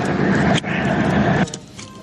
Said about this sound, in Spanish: Me encantó que tiró el bocinazo. Me dio lo que yo quería, me dio el bocinazo. El bocinazo y todo.